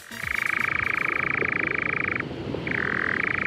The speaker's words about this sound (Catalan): És un ocell, és un ocell que es diu enganyapastors.